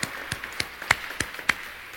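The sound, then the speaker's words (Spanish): Sparse, scattered applause as an audience is asked to applaud itself: a handful of distinct handclaps spaced unevenly, a few sharper than others, fairly quiet, with no voices. “Bien, un aplauso para ustedes, por favor.”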